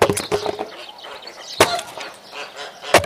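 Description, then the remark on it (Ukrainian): Sharp, loud axe strikes splitting firewood, with splintering crackle between blows; two heavy chops stand out after an initial cluster of woody cracks. “А ти знову своєю сокирою до літа будеш ці дрова рубати.”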